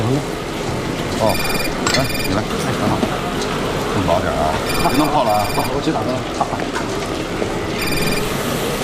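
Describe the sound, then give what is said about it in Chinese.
A telephone rings in three short, evenly spaced bursts of bright trilling, cutting through a dense, hissy background with indistinct voices murmuring underneath. “哎，我接个电话啊，来，你赶紧打电话给你老公问问。”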